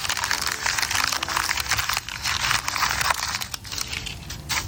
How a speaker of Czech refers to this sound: A to už šustíme, relaxujeme s kapustou.